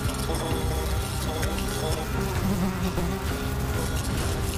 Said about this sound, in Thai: ความกลัวหนเกิดขึ้นทันทีเมื่อความกลัวตายเข้าครอบงำสติสัมปชัญญะของฝูงแตนก็ดับวูบพวกมันบินวนอย่างบ้าคลั่งมองหาที่กำบัง